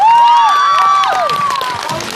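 An audience claps and cheers loudly and steadily, with sweeping whoops and shouts rising and falling over dense clapping throughout, welcoming actor Guo Pinchao on to give his talk.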